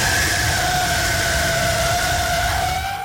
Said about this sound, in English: and gave him the wildest sound he probably has ever heard since he's been on a drag strip. The sound of an automobile skidding sideways from one intersection to the next. And all he could hear out there is this sound.